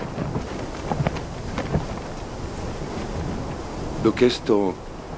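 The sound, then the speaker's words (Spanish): Strong wind roars steadily throughout, a dense rushing noise with gusty swells, while a person speaks briefly near the end. “¿Lleva mucho este viento?”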